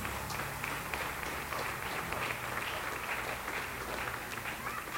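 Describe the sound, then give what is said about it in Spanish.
Steady applause from a large audience at an evening worship gathering, given to Christ Jesus: a dense wash of many hands clapping at once that holds at an even level for several seconds, with a faint low rumble beneath. “Si haces picote en esta noche, le brindar aplauso a Cristo Jesús.”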